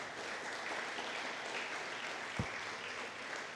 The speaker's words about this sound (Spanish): ¿Cuántos dicen gloria a Dios al Señor? Denle un fuerte aplauso a Cristo, aleluya.